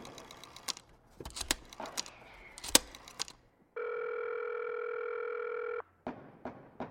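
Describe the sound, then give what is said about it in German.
Clicks and clattering handling sounds of a telephone at a reception desk being picked up, then a steady, fairly loud dial tone holding for about two seconds before cutting off into more clicks. “Oh, da ist ein Telefon. Yeah, es funktioniert.”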